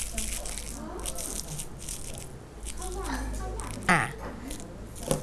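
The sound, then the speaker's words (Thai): Thin kite paper crinkles and crackles as it is crumpled by hand to show children how to do it in a craft activity, a steady rustling with a sharper crunch near the end and a faint voice underneath. “นี่คือกระดาษว่าวสิ่งที่ให้เด็กๆทำเด็กๆนะคะเอามือทำอย่างไร ขยำ ขยำเดี๋ยวจะขยำให้ดูเด็กๆตั้งใจมอง”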